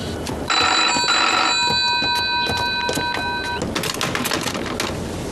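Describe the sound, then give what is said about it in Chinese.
A telephone call to the Second Regiment rings steadily for about three seconds with a bright, buzzing electronic tone, then cuts off, leaving a noisy background of clicks and rustling; no one answers. “喂，接二团，二团，二团，电话还是没人接， 是不是出了什么问题啊？这个时候怎么会没人接电话呢？”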